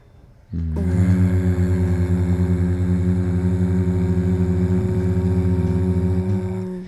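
A person hums while breathing out, a steady, low-pitched hum held on one note for about six seconds, with a buzzy, rapidly pulsing texture and no talking over it.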